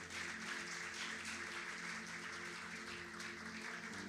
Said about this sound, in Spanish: ¿Qué les parece si les damos un aplauso a esas familias?